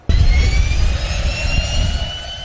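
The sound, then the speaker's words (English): The turboprop engine of an experimental Cessna Caravan, flown by artificial intelligence and heard from the co-pilot seat, roars up abruptly and keeps running loud, with a deep rumbling drone under a steady high-pitched turbine whine. No one speaks. “I'm in the co-pilot seat of a Cessna.”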